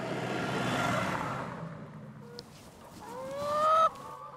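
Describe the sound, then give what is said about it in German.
A soft rustling wash fades out, then free-range hens from a flock of 300 kept in a mobile henhouse on a meadow in Holtland call, ending in one loud, drawn-out rising squawk with no talking. “300 Freilandhühner legen dort jeden Tag etwa 270 Eier”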